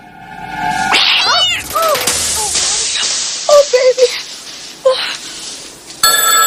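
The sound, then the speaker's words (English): A cat meows and yowls with rising, wavering cries over a busy background, then a wall telephone suddenly starts ringing loudly with a rapid, rattling bell right at the end. “The lounge sofa lies in tatters behind her, and as she pauses by her wall-mounted telephone...”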